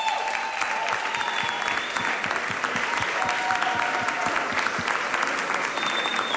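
Sustained applause from an audience, a dense steady clatter of many hands clapping for several seconds, with a few faint whistles or cheers mixed into the crowd noise.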